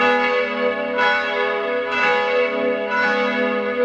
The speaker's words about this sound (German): Das hier sind die Mittagsglocken von heute. Die kommen aus Salzburg, aber woher denn genau? Hören Sie mal rein.